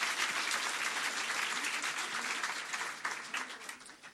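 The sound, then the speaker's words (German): Steady audience applause at a poetry slam for a slammer from Nürnberg, a dense wash of many hands clapping at an even level that thins slightly toward the end, with no voices over it. “Und nochmal ein Applaus für den Slammer, nicht für die Wertung.”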